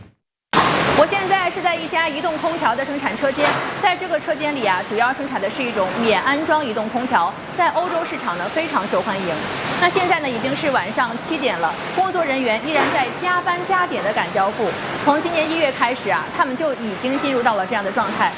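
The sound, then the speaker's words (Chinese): Steady, loud industrial hum and whirring noise of a busy portable air conditioner production workshop in Jiangmen, Guangdong, China, at 7 pm, continuous throughout, as workers work overtime assembling air conditioners for export to Europe, with a person talking over the machinery. “我现在是在一家移动空调的生产车间，在这个车间里啊，主要生产的是一种免安装移动空调，在欧洲市场呢非常受欢迎。”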